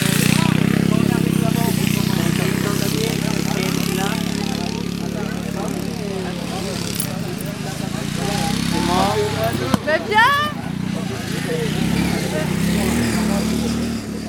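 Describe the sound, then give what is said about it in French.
Modified, customized lawn tractors race, their small engines droning and revving continuously and loudly, the whine rising and falling as machines pass, with indistinct spectator voices mixed in underneath. “Est-ce que vous connaissiez déjà les courses de tracteurs tondeuses ?”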